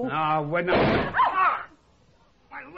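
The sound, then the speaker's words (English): A heavy cellar door thuds open with a short, loud scraping burst and a brief creak, between a voice speaking before it and another voice starting up after a pause. “open the cellar door.”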